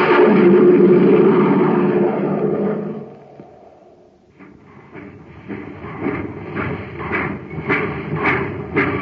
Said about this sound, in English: Do you hear that, gang? That's the Terra Express train trying to get up speed on ordinary fuel. Not very speedy, is it?